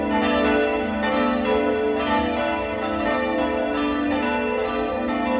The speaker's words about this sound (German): Der Campanile steht frei neben der Kirche und beherbergt das Glockenquartett, das auch heute erklingt. Das Mittagsläuten aus Hammelburg.